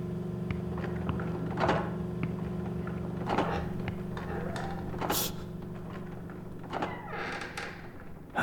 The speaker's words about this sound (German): Aber leise. Klar doch. Und pass auf. Die Dielen knarzen so.